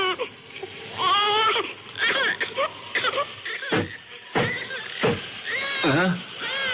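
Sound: little girl crying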